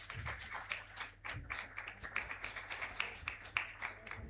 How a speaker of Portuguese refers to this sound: Então, nós queremos agradecer a todos os nossos benfeitores, pastoral do dízimo, pastoral do acolhimento, a nossa gratidão, a salva de palmas a eles.